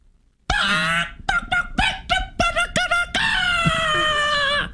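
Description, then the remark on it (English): A person loudly mimics calling hens (gallinas) in Spanish: a drawn-out squawk, then a quick string of short, choppy clucking bursts, finishing with a long, high, sustained crow-like cry. “How you calling the gallinas over in español?”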